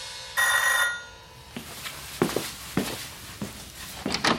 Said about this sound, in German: Nach einer Weile klingelte es an der Tür.